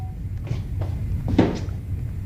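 A front door is unlatched and swung open to let a visitor in, with a couple of soft clunks and a brief rattle over a low room hum.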